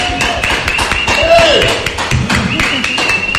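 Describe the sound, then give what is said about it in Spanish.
An audience claps in a loose, irregular patter of sharp hits lasting several seconds, with voices and a few sustained tones mixed in underneath. “Un aplauso, por favor.”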